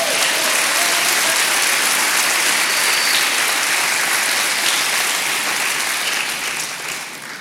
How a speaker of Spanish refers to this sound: Vamos, dele un aplauso al Señor.